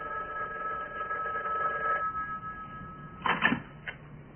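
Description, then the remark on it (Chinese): A telephone rings with a steady, moderately loud electronic tone for about three seconds, then stops and is followed by a short clunk and a faint click. “赶紧打电话， 哎，告诉老彭， 哎。”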